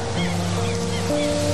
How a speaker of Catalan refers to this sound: Sentiu les onades.